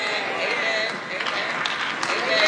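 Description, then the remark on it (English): An audience claps in a dense, steady patter of many hands that holds at an even loudness throughout, swelling slightly near the end, with crowd noise mixed in. “Don't try to clap now, y'all. It's too late.”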